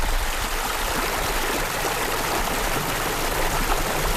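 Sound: flowing river water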